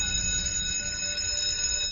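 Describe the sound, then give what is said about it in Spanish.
A school bell rings continuously for about two seconds, a steady, bright metallic tone with several high overtones and no pauses or voices. “Así es, esta es la campana de la escuela.”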